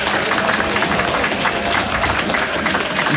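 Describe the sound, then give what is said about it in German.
A large studio audience of about 10,000 people applauds steadily in a radio studio, congratulating a sports reporter on his report; dense overlapping claps form a loud, continuous wash of sound that holds evenly for a few seconds. “dass Tausende am Radio zu hören, aber 10.000 Menschen hier im Studio sind, die dir für deine Reportage jetzt gratulieren werden durch einen Applaus.”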